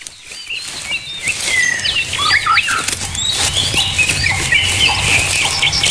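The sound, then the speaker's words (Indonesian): Many birds flap their wings in flight, a dense, continuous flutter with scattered high chirps and tweets overhead, fairly loud, with no talking. “Kayaknya berburu burung di sini seru ya. Soalnya banyak banget burung-burungnya.”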